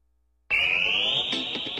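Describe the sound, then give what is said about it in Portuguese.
After a moment of silence, a single loud, steady high-pitched electronic tone starts abruptly and holds for over a second with rich harmonics: the fifth time-signal beep of Rádio Bandeirantes, marking 10:30. “10:30, marcou o quinto sinal, Rádio Bandeirantes, você com a gente, vamos juntos,”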